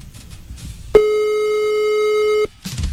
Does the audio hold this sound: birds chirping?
no